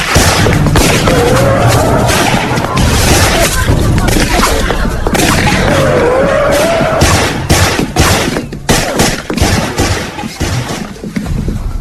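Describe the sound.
Deafening, rapid gunfire crackles in repeated sharp bursts, chaotic, with shouting voices mixed into the din before the shots grow more scattered toward the end.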